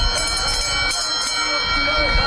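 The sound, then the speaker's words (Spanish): A loud bell rings continuously, a steady metallic clanging signalling the start of a 2-kilometre horse race at Sanlúcar, run from Bajo de Guía to the finish on Las Piletas beach, over a noisy background of indistinct crowd voices. “Y con el sonido de esa campana arranca la mejor carrera de todas, el Gran Premio de Sanlúcar.”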